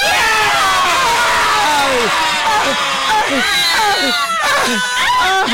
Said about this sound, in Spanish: Vamos a decir, vamos a gritar todos así y pitamos, hacemos un desmadre, listo. Todos. El FUA. Una, dos, tres.